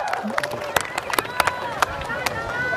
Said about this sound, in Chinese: 亲爱的各位乡亲们，欢迎来到我们的水哥村，丰收。 鼓掌鼓掌